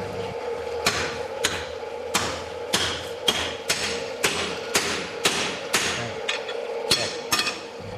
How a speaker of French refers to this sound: Alors, on n'entendit plus que le soufflet qui activait le feu du foyer et les coups de marteau des forgerons.